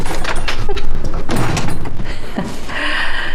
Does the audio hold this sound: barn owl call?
no